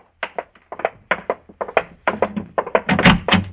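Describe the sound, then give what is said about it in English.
A quick run of dull thuds, like hurried steps, ends in a heavier knock and thump as a front door is answered and opened. No one speaks. “Now, listen, you got to answer that front door.”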